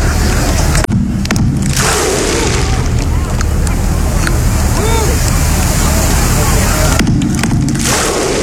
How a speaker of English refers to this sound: the Iceland clap is better